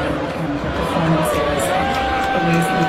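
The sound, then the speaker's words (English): A large crowd boos Taylor Swift in a loud, continuous roar that holds steady for a few seconds, with scattered shouts and whoops mixed into the dense wash of voices. “And the Taylor Swift video, it sounded like it was met with more boos than cheers.”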